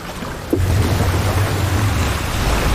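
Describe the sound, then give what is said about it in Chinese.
Ocean waves crash over shallow, sharp, jagged rocks in a steady, hissing roar. A sudden surge about half a second in brings a deep, continuous rumble, with wind buffeting underneath and no voices. “这里的海浪的确很折磨人。”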